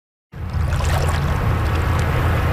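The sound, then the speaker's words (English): Rushing whitewater rapids at Harvey Passage roar steadily, a dense, continuous wash of churning water with no voices, starting abruptly after a brief silence. “On a hot summer day in the Whitewater Rapids at Harvey Passage, that is the place to be.”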